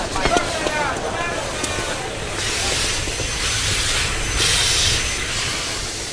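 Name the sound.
steam train hissing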